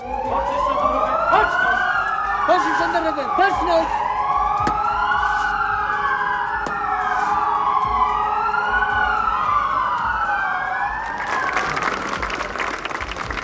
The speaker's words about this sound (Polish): Na Rynku Głównym w Krakowie setki osób minutą ciszy upamiętniły powstańców. Tu także w godzinę W odezwały się syreny.